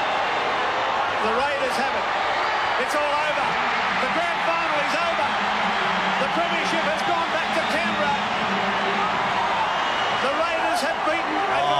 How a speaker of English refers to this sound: Just listen to that crowd. 1990, Raiders 18, Penrith 14, back-to-back premierships.